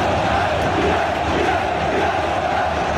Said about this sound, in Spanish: Bájame un poco a la hinchada.